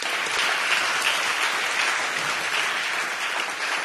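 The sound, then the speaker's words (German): A crowd in Magdeburg claps steadily for the volunteer group Solidarisches Magdeburg, a dense wash of many hands at an even, fairly loud level that holds for the whole few seconds without a clear peak or fade. “Ein kleiner Applaus für solidarische Magdeburg.”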